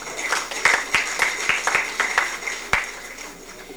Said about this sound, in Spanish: Bueno, de nuevo fuertes aplausos a nuestras autoridades, ya que pues es la máxima autoridad también en situación de justicia acá en nuestra aldea.